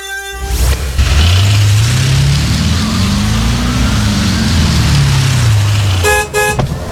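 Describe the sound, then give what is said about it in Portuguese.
A big, recently bought car's engine revs up, holds a high pitch, then winds back down, loud, with short horn honks at the beginning and end. “Rapaz, que carrão, hein?”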